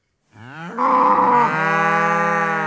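A single long, loud cow moo swells up and holds steady for over two seconds, rich and harmonic, with no other sounds around it.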